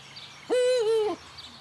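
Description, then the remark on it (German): A single Eurasian eagle-owl hoot, loud, a steady low call lasting just over half a second, with quiet background and no other voices. “Hoffen wir also im nächsten Jahr wieder auf Uhu-Nachwuchs.”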